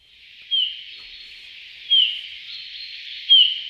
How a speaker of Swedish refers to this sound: Ja, det där är en domherre skulle jag säga. Men jag skulle inte kalla det för sång utan för ett lockläte. Och det var i alla fall lockläte då med långsamt modulerad vissling.